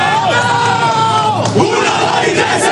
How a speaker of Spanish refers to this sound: El grito de guerra que sigue a la charla de Azpilicueta, que aunque no juegue es el que les estaba diciendo más unidos que nunca el objetivo de la temporada.